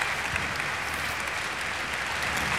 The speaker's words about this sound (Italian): Ancora tutta l'orchestra in piedi insieme a Riccardo Chailly, a Hayato Sumini. Come senti, Riccardo, un grande calore, un grande applauso.